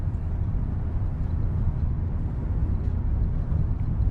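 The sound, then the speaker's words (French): A steady, low engine and road rumble runs without a break, heard from inside a car moving at an even pace along a country road. No voices are heard. “Un long plan séquence. On est en voiture.”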